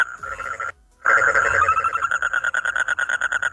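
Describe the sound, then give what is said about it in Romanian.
A frog croaks in a fast, rattling series of pulsed, reedy calls that stop briefly and then resume, speeding into an even, steady trill. The calls are fairly loud, and there is no talking. “Așa, e o broască.”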